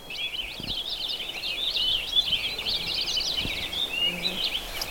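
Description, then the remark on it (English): A purple finch sings a rapid, almost continuous warbling song of high twittering notes, steady for the whole stretch, in woods where it nests, over faint outdoor background hiss. “That almost continuous warbly sound.”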